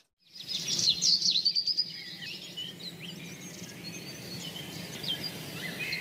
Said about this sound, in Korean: 저는 바람 소리지. 저 새 소리 들려요 이쪽에.